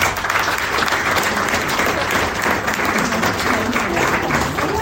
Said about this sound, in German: Na, dann gibt es natürlich erstmal einen riesigen Applaus.